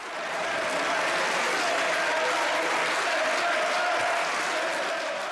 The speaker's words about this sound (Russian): После объявления результатов сторонники законопроекта, консерваторы и крайне правые аплодировали и скандировали «send them back», то есть «отправьте их обратно», ну или «домой».